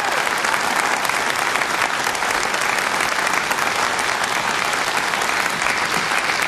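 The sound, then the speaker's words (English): Sustained audience applause, a dense wash of many hands clapping at a steady, loud level for several seconds without pause, with no voices standing out. “applause, folks.”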